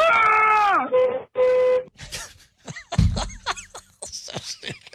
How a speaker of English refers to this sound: Because there was a honk, and it was more honking, and it was a lot of honking. Yeah, a lot of honking.